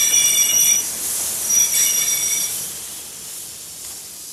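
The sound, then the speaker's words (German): A train pulls into Munich main station on time at 16:31, with high, ringing wheel squeal that fades over a few seconds, leaving a steady hiss of brakes and rail noise beneath. “Ohne jede Verspätung fuhr der Zug um 16.31 Uhr in Münchens Hauptbahnhof ein.”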